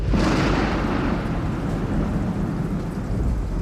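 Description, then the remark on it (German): A thunderstorm at sea around a sailing ship roars continuously, deep booming thunder rolling beneath a steady hiss of heavy, ice-cold rain lashing the deck and wind, loud and enveloping with no voices. “Grellgelbe Blitze durchschneiden den pechschwarzen Himmel. Eiskalter Regen peitscht übers Deck.”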